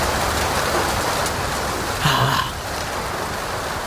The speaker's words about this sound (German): Der Regen prasselt aufs Autodach, gegen das Dachflächenfenster. Das haben wir so lange nicht gehört, ne?